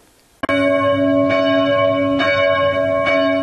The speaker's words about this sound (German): Die Glocken der Christuskirche in Amfort rufen zum Gottesdienst.